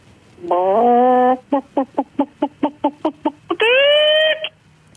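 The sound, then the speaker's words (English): A radio caller to CFM imitates a chicken: a long drawn-out squawk, then a quick, steady run of about a dozen clucks, ending in another rising, loud squawk. “Oh, that was spectacular. Excellent chicken noise, I must say.”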